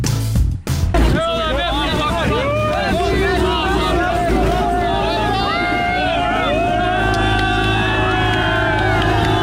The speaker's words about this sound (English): cheering on their way to Britain. Absolute carnage in the English Channel today, and a couple of boat arrivals that we didn't even know about, which has led to an urgent review.